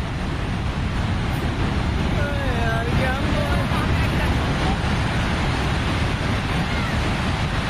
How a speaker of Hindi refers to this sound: अचानक इतनी जोरदार भीषण बाढ़ आई जिसके बाद सब कुछ बह गया